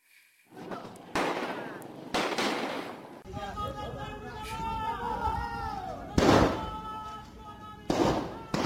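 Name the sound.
gunfire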